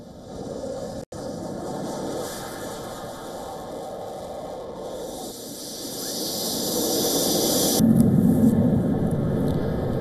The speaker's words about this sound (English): F-16s roaring.